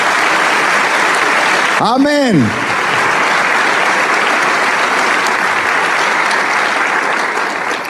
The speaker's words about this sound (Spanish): ¿Por qué no le damos un aplauso al Rey de Reyes?